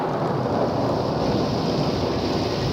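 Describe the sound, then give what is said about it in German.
Steady, heavy rain pours down in a dense, continuous hiss, loud, with a faint low rumble beneath it and no voices. “Es regnet nur hier bei uns in Radio Tirol.”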